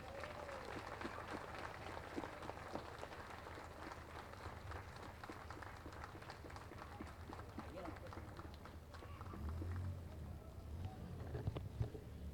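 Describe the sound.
A large crowd claps steadily for several seconds for the Virgin during a religious procession of Nuestra Señora del Carmen on her feast day, the 16th, a dense, continuous patter of applause mixed with murmuring voices and outdoor bustle.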